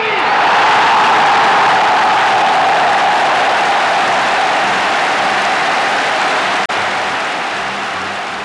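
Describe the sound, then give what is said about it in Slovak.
A large crowd at a Public Against Violence rally cheers and applauds after a passionate speech by actor Marián Labuda, in a loud, sustained roar of clapping and voices that continues without a break, easing only slightly toward the end. “Do varu uviedol dav svojim vášnivým prejavom herec Marián Labuda.”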